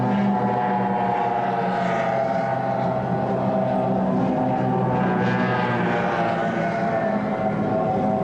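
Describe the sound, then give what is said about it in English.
Offshore racing powerboats (Team Florida, Chiller, Mobile One, Cutting Edge and Taz) roar steadily and loudly at high speed during the six-lap, almost 30-mile first heat of the 1994 National Offshore Championship in Galveston, Texas: a thick droning, humming mix of several motors, with no voices over them. “Six laps, almost 30 miles in this first of two heats. Once again, there they go.”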